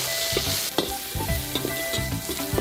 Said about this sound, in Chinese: 猪肉大火爆香